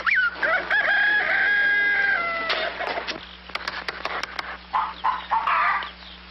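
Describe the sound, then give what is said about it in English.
A drawn-out crowing call opens, followed by scattered short clicks and then a flurry of hens clucking and squawking, fairly loud, with no talking. “I'm going to tap every one of those hens till I find the one that lays the golden egg.”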